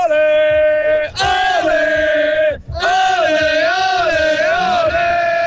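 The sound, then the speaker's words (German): Loud, sustained celebratory shouting and cheering, a strong voice bellowing long wavering cries over a noisy crowd, with two brief breaths breaking an otherwise continuous roar. “Wir lassen da auch ein bisschen rein, wenn es tönt, wenn du jubelst.”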